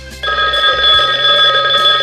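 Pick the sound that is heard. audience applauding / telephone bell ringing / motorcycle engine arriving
telephone bell ringing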